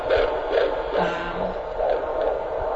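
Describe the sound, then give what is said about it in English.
A rapid, steady whooshing pulse of an unborn baby's heartbeat from a fetal doppler monitor during a midwife's prenatal checkup, beating about two to three times per second with a muffled, watery texture and faint background hum, no voices present. “She listens to her baby's heartbeat.”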